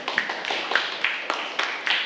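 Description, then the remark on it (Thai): Students in a class clap for themselves in a brief burst after a reading-aloud activity, many overlapping sharp hand claps forming a continuous patter with a few louder accents, fairly quiet overall and without any speech. “ค่ะปรบมือให้กับตัวเองด้วยค่ะ”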